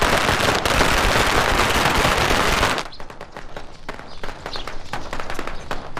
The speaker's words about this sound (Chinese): 叔，这一大早上咋还放鞭炮呢？ 我本历年请客呢喂。